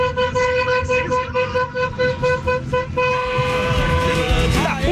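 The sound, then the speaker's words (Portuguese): A car horn blares in a long, sustained honk with pulsing repeats, loud, over a running engine and street noise, with faint voices in the background; a listener honking on air for Band FM radio. “Vai, solta aí, solta buzina.”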